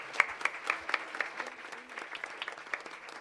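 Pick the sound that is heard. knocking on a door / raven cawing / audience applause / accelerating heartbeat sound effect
audience applause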